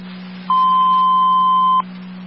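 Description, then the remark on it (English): An alarm panel gives a single steady electronic beep lasting just over a second, clear, over a constant low hum, as the alarm is being reset. No one speaks. “I'm resetting the alarm.”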